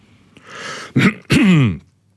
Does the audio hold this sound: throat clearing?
yes